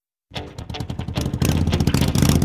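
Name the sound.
motorcycle engine revving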